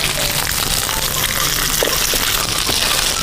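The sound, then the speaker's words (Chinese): Boneless chicken thigh strips, marinated with egg white, sizzle steadily in heated oil as they are pan-fried golden on both sides, a dense, loud crackling hiss that runs without pause, with scattered sharper pops and spits breaking through. “是的，腌好的鸡腿咱们进行给它一个煎制啊，倒油，油已经烧热了，咱们把鸡腿肉给它下入，两面给它煎金黄就可以了。”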